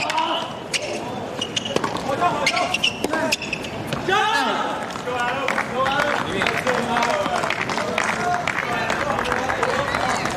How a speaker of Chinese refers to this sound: 就是在比赛的这过程中，虽然吴一丙是打出了好球，有观众给他喝彩，但是也不能在没有死球之前呢就发出声音啊，确实是很影响球员的专注度。